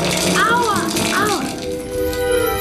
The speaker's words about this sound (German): Ich stand ganz normal unter der Dusche und auf einmal fing es an zu hageln.